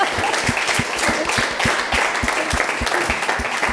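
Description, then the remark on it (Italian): An audience applauds steadily, a dense wash of many hands clapping at an even level with a few sharper individual claps punching through, no voices on top. “Allora, applauso a questa simpatia.”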